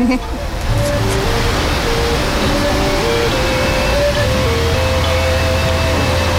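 A park fountain's water rushes in a steady, loud, unbroken hiss, with soft sustained music from speakers hidden throughout the path drifting underneath, on a walkway from a plaza to the base of a 44-foot-tall statue in Kansas.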